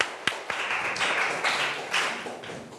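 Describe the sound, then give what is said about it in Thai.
A group of students in a classroom claps for a classmate who gave a correct answer, in a dense, uneven patter of hand claps, with a couple of sharp individual claps at the start before the sound settles into steady applause. “2เมตรถูกต้องค่ะปรบมือให้เพื่อนหน่อยนะคะ”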